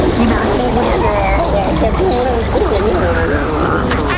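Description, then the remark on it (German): Someone gargles and swishes water in their mouth, a loud, continuous bubbly warble with a voiced, wavering tone running for several seconds. “Und gegurgelt wird auch noch.”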